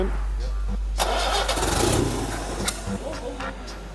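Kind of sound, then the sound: vehicle, old car engine starting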